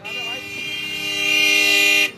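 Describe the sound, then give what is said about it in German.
Loud car horns blare in busy street traffic in New Delhi, India, overlapping into one long sustained honk that holds steady for about two seconds before cutting off abruptly. “Wer atmet, der hupt auch. Und irgendwann hört er schlechter. Und was hilft dann? Genau, lauteres Hupen.”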